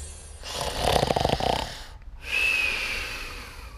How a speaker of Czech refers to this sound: chrápe jako dřevorubec.